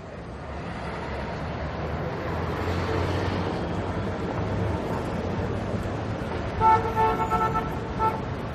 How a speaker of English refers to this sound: Our cities are becoming increasingly noisy. As populations grow and traffic slows, city life becomes ever more deafening.